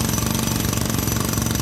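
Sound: jackhammer pounding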